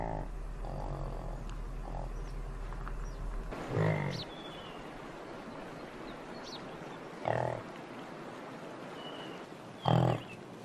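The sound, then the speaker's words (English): Yaks, livestock kept by nomads in the high mountains, let out three short, rough, grunting cries, widely spaced and fairly loud, over a steady low background hum and rumble. “They look similar to cows, but their cries sound like pigs.”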